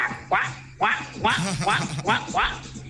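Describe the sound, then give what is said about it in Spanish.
A person imitates a duck with about six nasal, raspy quacks in quick rhythmic succession, fairly loud, over a faint low hum. “Y después dijo, me falta el pato.”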